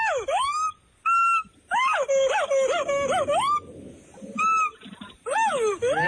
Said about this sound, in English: No, it's actually a howler monkey. That was a great sound. Yeah. I like that sound a lot.